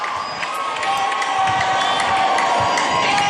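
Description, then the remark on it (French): A large crowd cheers and shouts continuously as Pope Leo XIV appears at his lectern, a dense, loud roar of many voices with scattered higher whoops, swelling slightly after the first second and holding steady. “Et voilà, sous les acclamations de la foule, le pape Léon XIV qui vient de se présenter à son pupitre.”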